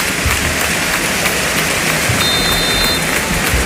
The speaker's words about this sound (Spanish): Los aplausos también.